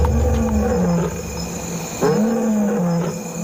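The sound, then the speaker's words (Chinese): Several lions, a pride of one adult male and nine lionesses on the African savanna at sunset, roar together in deep, overlapping calls reaching 114 decibels that rise and fall, one fresh roar surging in halfway through, loud and sustained with no talking. “在非洲大草原，太阳开始落山了，由一只雄狮爸爸和9只母狮组成的狮群开始咆哮。”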